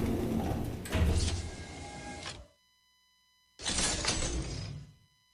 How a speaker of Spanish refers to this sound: Abrió la puerta de la cámara, entró y oyó que la cerradura se cerraba a sus espaldas.